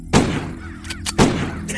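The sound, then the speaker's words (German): Two sharp pistol shots about a second apart, fired at crows, each a loud crack followed by a brief echoing decay, with no voices. “der nun die Pistole entgegennahm und es seinem Freund gleichtat.”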